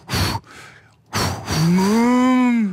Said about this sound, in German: Ah, das sind wahrscheinlich dann doch Vierbeiner, Säugetiere, es sind Kühe.